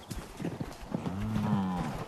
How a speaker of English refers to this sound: after 5 months in their winter barn, we could finally put the cows back in their fields. Look at them, excited cows, free. So happy.